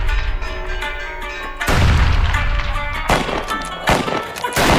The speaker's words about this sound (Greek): «Μπουφεκές! Γρήγορα σπίτι!» φώναξε ο μπαμπάς.